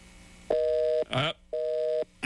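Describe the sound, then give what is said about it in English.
Telephone dialing tones and a dial tone as a call is placed: two steady tones, each about half a second long, sound loudly in an even on-off pattern. A brief voice-like burst breaks in between them, and another begins at the end. “See, I called Gene Davis on this phone. There you go. And when I do, I usually get this right here.”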